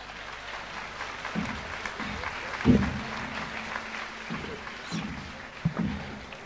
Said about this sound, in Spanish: Hace así para que te aplaudan.